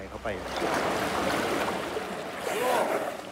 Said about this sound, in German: Sie spielt gerne im tiefen Wasser. Andere trinken dort mit dem Maul, aber Gaina nimmt den Rüssel.